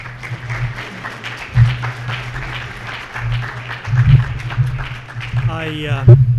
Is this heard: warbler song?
no